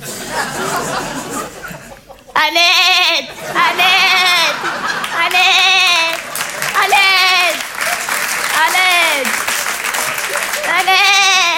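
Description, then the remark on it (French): A woman imitates the sheep of Eid, giving about six wavering, nasal bleats in a row, each lasting roughly a second, loud, with a noisy crowd-like background and applause-like rustle throughout. “Et je fais très bien le mime des animaux. Mon préféré, c'est le mouton de l'Aïd.”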